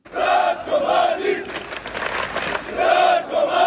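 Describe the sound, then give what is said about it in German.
Hundreds of demonstrators chant the name of convicted war criminal Ratko Mladic in unison on a Thursday evening in the streets of Zvornik, Republika Srpska, eastern Bosnia, waving Serbian flags; loud rhythmic bursts of massed voices with a brief noisier stretch of shouting between the repeated chants. “Die Demonstranten skandierten Mladics Namen und schwenkten serbische Flaggen.”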